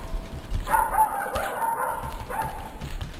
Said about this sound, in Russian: А щенок несся рядом с ним и весело лаял.